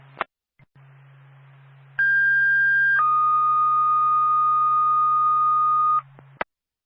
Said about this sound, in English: Twin State, the Sugar Hill Fire Department, stand by for tone.